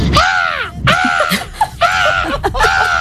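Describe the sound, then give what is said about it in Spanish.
An 11-year-old boy's voice imitates a parrot with a run of loud, harsh, raspy squawks, four bursts in quick succession with brief gaps, with no talking. “Y a mí me han dicho que se me da bien imitar los loros.”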